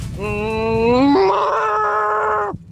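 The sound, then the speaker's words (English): On BBC Radio 1, a man imitates a cow with one long, loud, drawn-out moo that starts low, steps up in pitch partway through, holds steady, then cuts off abruptly. “A few messages came in being like, I can't believe you can't do a cow.”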